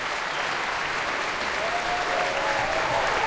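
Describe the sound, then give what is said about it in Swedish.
Steady, dense concert audience applause for the soloists and concertmaster Anders K. Nilsson fills the whole stretch at an even level, many hands clapping at once into a continuous wash, with a faint thin whistle-like tone drifting above it. “Än en gång konsertmästare Anders K. Nilsson får ta emot applåder.”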